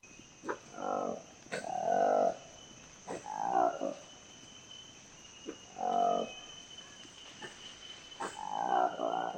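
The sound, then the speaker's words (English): A Lekwele monkey, a newly discovered species with peach-coloured lips, roars in a series of deep, harmonic bursts, about five calls spaced irregularly, loud, over a steady high insect-like hum with no talking. “The roar of the Lekwele monkey, an elusive character with peach-coloured lips”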